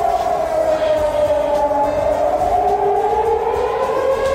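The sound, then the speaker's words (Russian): A civil defense air raid siren wails steadily, its loud tone slowly rising in pitch across the few seconds with no voices, carrying a sustained drone over faint background rumble. “Единственный раз, когда жители услышали вой, это была плановая проверка 4 марта 26 года.”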